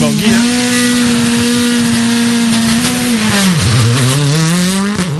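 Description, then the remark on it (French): A loud rally car engine idles high and revs at the start line about five seconds before the start, holding a steady buzzing drone, dipping briefly, then climbing again, continuous throughout. “Attention, Francky, 5 secondes du départ.”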